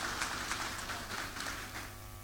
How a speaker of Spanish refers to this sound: Muy bien, y con el aplauso y el cariño de la comunidad, procedemos también a poder reconocer en este caso a nuestra directora. Un fuerte aplauso para nuestras autoridades.